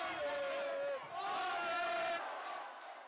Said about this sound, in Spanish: Yo pensaba que iba afuera y de repente va todo el mundo gritando gol y yo, pues gol, hemos bajado corriendo que estábamos arriba y vamos a celebrarlo como si no hubiese mañana.